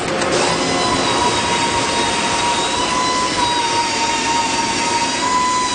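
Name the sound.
loud factory machinery noise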